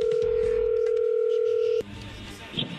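A phone line's steady, loud dial tone hums at one even pitch for almost two seconds, then cuts off abruptly, leaving faint rustling and line noise as the call is placed.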